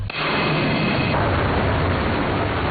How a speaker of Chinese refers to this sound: 西南某机场战鹰列阵，引擎轰鸣，南部战区空军航空兵某部多架战机满载实弹依次升空，飞赴预定空域展开对地攻击训练。